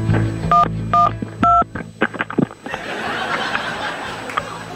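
Three short telephone keypad dialing tones beep in an even, clear rhythm as the 112 emergency number is dialed, followed by a wash of noisy background murmur with faint laughter.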